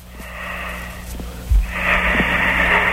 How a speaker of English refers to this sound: Ooh, he's really struggling for air.